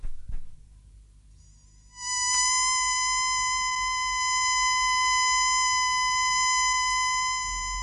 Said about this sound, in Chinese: 好，等我发出紧急口哨，召佢哋翻嚟，大家集中埋一齐比较好啲。